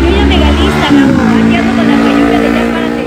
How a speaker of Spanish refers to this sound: No, y una moto, ¿no? Se oye más la moto, sí.